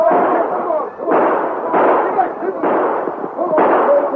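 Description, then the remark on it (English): Several loud rifle shots, fired by train passengers after riders fleeing on horseback, crack out in quick, irregular succession, each sharp report trailing into a rumbling, noisy tail that blends into the next. “The passengers were too forward from the train to send a few parting shots after them.”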